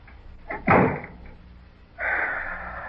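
A door is pushed shut with a single solid thud after a brief creak, then a steady rushing, hiss-like noise starts and continues to the end. No one speaks.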